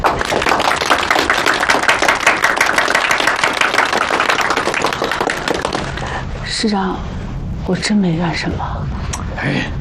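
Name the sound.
group applause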